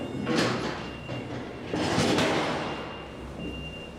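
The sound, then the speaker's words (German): A heavy metal loading dock plate is laid down at the ramp of old cold-storage halls so a truck can load frozen fish. It clangs and rattles down in two broad, scraping impacts about a second and a half apart, over a steady mechanical hum. “Und erst mal das Blech anlegen. So, Ohren zuhalten.”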